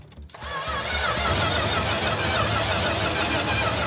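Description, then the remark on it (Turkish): A car engine cranks and struggles to turn over as the gas is pressed, a steady loud churning whir that starts abruptly and continues without catching, with no voices. “Eğer araba çalışırsa bu işleri tamamen değiştirir. Ne zaman basayım? Gazla.”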